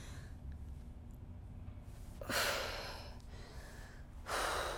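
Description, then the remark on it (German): A woman in labor with her second child breathes heavily and moans, with two long, deep exhalations a couple of seconds apart, fairly loud over a low background hum, without any talking. “Sie atmet. Sie stöhnt.”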